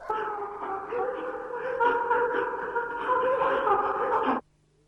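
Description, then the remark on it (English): A dog barks at a door in a steady, overlapping run of loud, harmonic calls that blend almost into a howl, lasting about four seconds before cutting off abruptly. “How many times have we knocked at a strange door to be greeted by this sound?”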